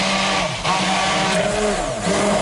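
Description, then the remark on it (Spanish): A blender whirs loudly and steadily, its motor pitch wavering as it grinds peeled almonds, soaked and drained bread, a garlic clove and very cold water into a paste, with a gritty churning texture throughout and no voices. “Y trituramos, como estamos escuchando, hasta que nos quede una pasta, y con la batidora en marcha vamos a ir añadiendo el aceite poco a poco para que vaya emulsionando, como si hiciésemos más o menos una mayonesa.”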